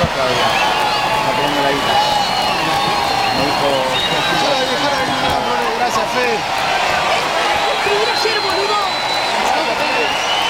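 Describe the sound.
A large stadium crowd of Argentine fans applauds the Burkina Faso under-23 national team at a football match, a steady, dense wash of clapping and murmuring voices that holds at an even, loud level throughout, with scattered calls rising from the mass.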